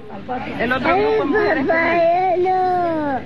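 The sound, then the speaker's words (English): Young children cry and sob in high, wavering wails that run continuously for a few seconds, fairly loud, with other small voices murmuring faintly in the background; a recording of children crying after being separated from their families under Donald Trump's 2018 zero tolerance immigration policy. “Children in cages, the audio of the children crying after being separated.”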